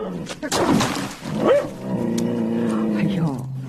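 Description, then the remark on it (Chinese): A big yellow dog barks sharply near a urine bucket, then follows with a drawn-out, wavering growl or whine that carries on steadily to the end. “黄眼狗，尿桶里没有吃的啊！”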